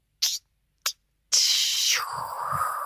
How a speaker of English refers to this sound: Jeez, that's a long opener. How much fizzy's in that drink?